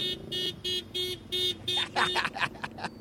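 A car horn honks in about five short, evenly spaced blasts, loud, before a voice starts talking right after the last honk.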